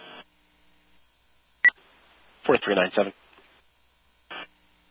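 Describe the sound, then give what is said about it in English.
A short, sharp electronic alert tone chirps over a dispatch radio channel for a smoke report at Boulder Mountain, followed by a brief burst of narrow, radio-filtered speech, with clipped transmission squelches at the start and end. “Acknowledging tones for Boulder Mountain for the smoke report.”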